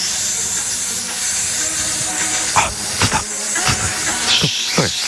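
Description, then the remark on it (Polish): A snake's hiss, a steady, breathy high-pitched sound that runs unbroken for about five seconds, with a few short, sharper bursts rising out of it toward the end. “Snake. Bo o wężach teraz będzie.”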